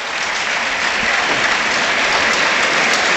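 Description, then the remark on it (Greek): Sustained applause from a large stadium crowd of Panathinaikos supporters at a football match, a dense wash of clapping that stays loud and steady throughout without any break or voices standing out. “Και πάλι ο κόσμος του Παναθηναϊκού το χειροκροτεί.”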